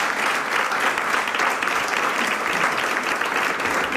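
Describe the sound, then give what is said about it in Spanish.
Sustained applause from an audience, a dense, steady wash of many hands clapping at once, loud, continuing evenly for the full few seconds with no voices standing out. “Te mando un abrazo muy grande y un aplauso desde Urueña.”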